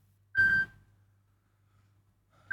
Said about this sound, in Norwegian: Det ringer, det ringer, hör vem kan det vara?